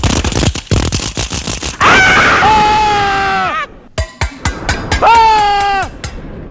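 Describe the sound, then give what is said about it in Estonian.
Rapid metallic clattering and knocking give way to a loud, high-pitched screech of grinding metal that bends in pitch, then a few sharp clanks and a second drawn-out squeal. “Sel ajal tuleks siis erilist tähelepanu pöörata ümbruses kosvatele helidele, nagu näiteks metallikriigin, kolinad, kriuksumised, kriiskavatele helidele, näiteks nagu sellistele, palun.”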